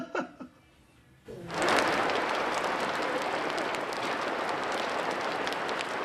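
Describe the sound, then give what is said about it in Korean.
A dense, steady hiss of rain patters onto a greenhouse roof, starting abruptly after a second of quiet with a few faint sounds, then holding loud and even to the end. “어, 이제 비 오기 시작했다. 빗소리가 들리는데요?”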